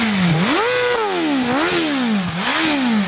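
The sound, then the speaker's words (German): A loud four-cylinder car engine of about 215 hp, with a top speed of about 318 km/h, revs repeatedly, its rasping pitch climbing and dropping in three or four surging cycles, with dense harmonics and a buzzy mechanical clatter throughout and no voices. “Vierzylinder. Mit wie viel PS? 215 knapp.”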